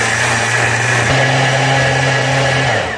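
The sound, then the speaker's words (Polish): A blender runs steadily, whirring loudly at a constant pitch that shifts slightly upward about a second in as it blends a thick gazpacho mixture of strawberries, vinegar, salt, pepper, hot paprika and water, with no talking. “Kiedy wszystko już mamy, zaczynamy to miksować.”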